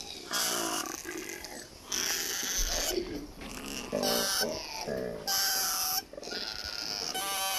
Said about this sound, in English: here is the mating call of a koala.